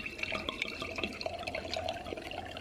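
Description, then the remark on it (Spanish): Running water pours steadily from a tap while a man washes dishes, which clink and rattle in a sink, with scattered sharp knocks of plates and cutlery over the continuous splashing. “Se llama la sitcom del momento y es de un hombre que lava los platos.”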